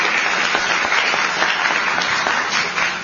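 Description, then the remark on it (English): An audience claps steadily and loudly for the governor, a dense, continuous wash of many hands applauding with no voices standing out above it. “And she deserves a round of applause for a day like today.”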